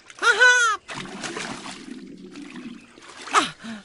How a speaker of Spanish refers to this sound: Los pingüinos entran en el agua porque está fría para ellos.